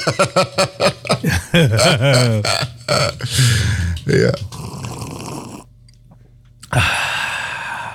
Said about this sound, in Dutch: Een lange slurp. Een lange. Lekker. Maar die had je wel ook nodig, hè? Die had ik nodig midden op de dag.